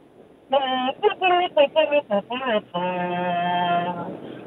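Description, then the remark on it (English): A single voice imitates a horse race bugle call: a quick run of short, punchy notes followed by one long sustained note, sung loudly, with no other sounds around it. “Tough act to follow, but your sound is the horse race bugle.”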